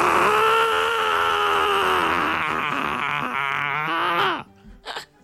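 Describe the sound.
A voice imitates the angry scream of the cartoon character Helga Pataki: one long, loud, strained yell held for about four seconds, wavering and then dropping in pitch before cutting off, followed by a brief short noise.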